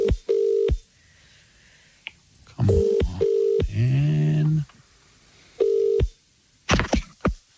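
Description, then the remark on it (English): A phone line rings out in repeated steady tones, with brief dialing beeps and a click, while a voice mutters briefly in between the rings, as a call is placed to a listener's phone. “Everybody look at your phones now. We are calling one of you.”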